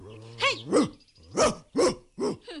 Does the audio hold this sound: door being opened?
no